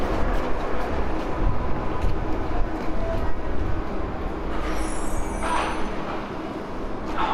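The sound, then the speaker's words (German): A U-Bahn subway train rumbles steadily along the rails, a loud, continuous low roar with rattling and a brief high metallic squeal partway through; no voices are heard. “Ich sitze in der U-Bahn auf so einem ganz schmalen Brett.”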